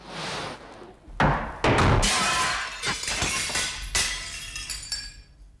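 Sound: mirror glass shattering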